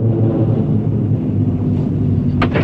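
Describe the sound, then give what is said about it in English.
A cable car rumbles in loudly as it arrives at the chalet, its heavy machinery droning steadily with a deep hum, then a brief sharp metallic clatter sounds near the end. “The cable car arrives at the chalet.”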